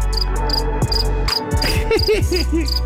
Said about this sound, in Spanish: Oigan, sí teníamos grillos, pero se me perdieron. Ah, no, aquí están.